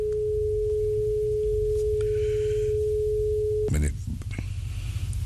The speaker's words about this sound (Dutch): Maar ja, het begint aardig te lopen hoor. De telefoon die gaat al over.